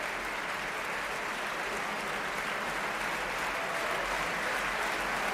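A concert audience in the Sala Sinfónica of the Auditorio Nacional de Música in Madrid applauds steadily at the end of concert 21 of the Orquesta y Coro Nacionales de España, as conductor Pablo González shakes hands with the string players, a dense, even wash of many hands clapping at the same level throughout, with no voices standing out.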